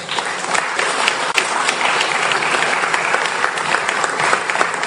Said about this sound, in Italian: Sì, intanto l'applauso era per il Presidente, non per me.